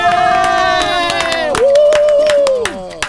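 Lively applause with sharp, irregular claps, joined by a long sustained whooping cheer that wavers in pitch and drops off near the end.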